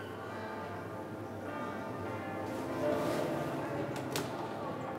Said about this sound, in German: Die Glocken läuten zwar ein paar Minuten über den offiziellen Termin hinaus